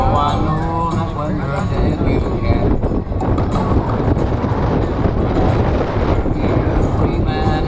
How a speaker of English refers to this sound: There you go. It's so windy.